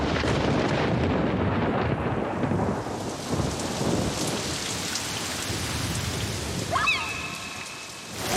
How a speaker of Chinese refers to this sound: 下着大雨，太有感觉了， 在游乐园都没有这种刺激， 对， 真的没有。